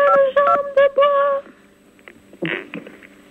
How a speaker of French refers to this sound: Merci pour celui qui s'amuse avec ses touches de téléphone.